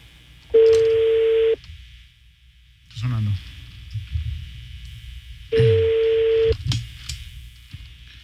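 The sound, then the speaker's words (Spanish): A phone line rings on the other end and the call goes unanswered: two steady, buzzy ring tones about a second long, separated by a few seconds of quiet, with faint murmuring and background noise in between. “Sonando. No contesta.”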